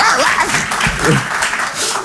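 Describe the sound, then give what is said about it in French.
A crowd applauds loudly and steadily for about two seconds, a dense wash of clapping hands with a few faint voices mixed in. “Non, applaudissez pas.”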